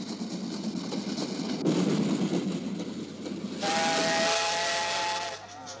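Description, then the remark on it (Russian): A steam-hauled medical train approaching a small railway station hisses and rumbles, then lets out one long, steady whistle blast with a bright, layered tone over the roar of steam before it cuts off. “Санитарный эшелон подходит к маленькой железнодорожной станции и развернут пункт по эвакуации раненых.”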